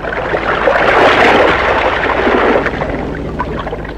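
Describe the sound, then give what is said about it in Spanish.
Steady rushing and bubbling of water as a diver in a diving suit, supplied with oxygen through a connected tube, slowly sinks beneath the surface, a continuous churning wash with no voices. “Pero era tarde para retroceder y lentamente fue sumergiéndose en el agua.”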